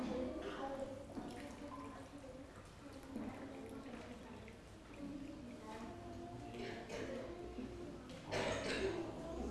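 A child steadily pours water from a jug into a glass while measuring out equal full glasses, a continuous splashing trickle with a faint gurgle, with a few brief surges and quiet background noise.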